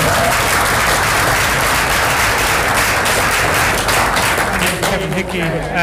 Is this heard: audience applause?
yes